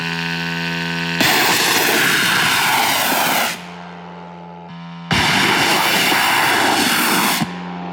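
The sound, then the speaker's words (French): The propeller engine of a long-range attack drone carrying 100 kg of explosives is started at night: it drones steadily, then roars loudly to full throttle twice, each surge lasting a couple of seconds before easing back to a buzzing idle. “On démarre le moteur.”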